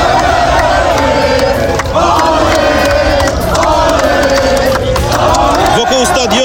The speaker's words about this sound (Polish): W kibica wciąż słychać śpiewy, okrzyki radości i rozmowy o najważniejszych momentach turnieju.